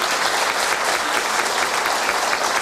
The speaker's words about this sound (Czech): Víte, určitě tohle je potlesk, který doufám, že uslyší.